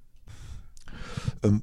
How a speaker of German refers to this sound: Dafür trinke ich erstmal einen Schluck Kaffee.